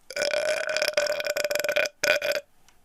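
A long, loud, rasping human burp with a steady low tone rumbling for nearly two seconds, a brief break, then a shorter final burst before it trails off.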